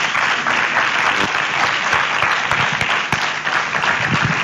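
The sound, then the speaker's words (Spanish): Steady, dense applause from a crowd on a Cadena SER radio programme for a guest from Protocols Consulting, many hands clapping in a continuous loud wash of noise that holds evenly for several seconds without voices. “Un aplauso también para gracias él.”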